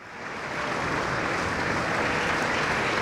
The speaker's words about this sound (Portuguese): Palmas para …, na Voz do Operário, e também ele operário de tantos poemas e canções da língua portuguesa, no último adeus um mar de outras vozes que juntas compõem o … por ….